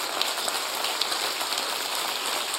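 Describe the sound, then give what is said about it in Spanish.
An audience claps together in praise of God, a dense, steady wash of overlapping hand claps, bright and crackly like rainfall, holding at an even level throughout with no voices standing out. “Alábele con sus palmas.”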